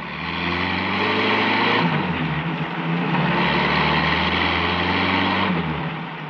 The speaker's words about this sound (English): The truck roared down Burr Street, switched off to the main highway, and tore along doing 70.